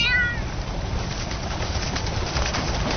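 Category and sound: animal, cat meowing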